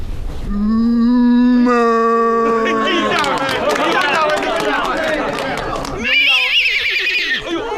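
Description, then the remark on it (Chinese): A voice imitates a cow with a long, low, steady moo, then shifts into a shrill, quavering horse whinny that wobbles up and down in pitch before ending in a breathy snort. “大一点的，牛叫、马嘶都来的。”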